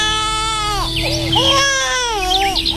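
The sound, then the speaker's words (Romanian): A baby lying in a small tub in the grass wails loudly, its cry rising and falling in a few long, strained bursts with no other voices around. “un copilaș.”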